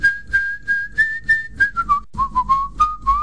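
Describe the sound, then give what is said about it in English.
A person whistles a steady, melodic tune, the clear pitch gliding and stepping between notes for a few seconds with no talking. “Let me hear you whistle again.”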